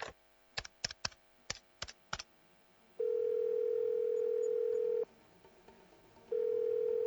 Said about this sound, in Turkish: Hadi. Hadi aç şu telefonu Lavinia. Aç ve ben evdeyim, iyiyim de. Hadi tatlım, hadi. Ay yok, daha eve varmamış.